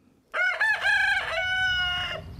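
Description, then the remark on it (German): A rooster crows once, loud, a full cock-a-doodle-doo lasting about two seconds with several rising syllables and a long held final note, over a faint low background hum. “Ein Hahn kräht, ein Auto fährt vorbei.”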